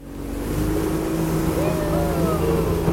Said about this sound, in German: Das kleine Holzboot liegt in die Kurve und beschleunigt, zur Freude der Touristen.